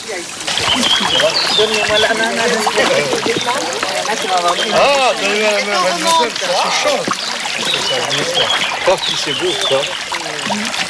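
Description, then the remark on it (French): People wade through a narrow stretch of the Verse stream over old masonry, water splashing and trickling steadily around their steps, continuous, while voices talk over the sloshing. “Voilà, donc vous êtes arrivé sur une étroitesse du ruisseau de Verse.”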